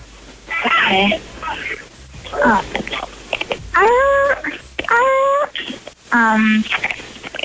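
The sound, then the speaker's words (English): A person, asked to bark like a seal, imitates a seal bark, making about five or six loud, strained vocal barks with bending pitch, each separated by short pauses. “Can you bark like a seal for me real quick?”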